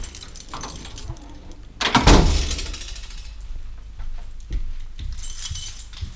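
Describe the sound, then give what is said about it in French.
Keys jingle, then a lock and latch clack loudly as the door of the Radio Canu station at 24 rue du Sergent Blandan is pushed open, followed by quieter rattling and handling noises. “ouvre la porte de la radio”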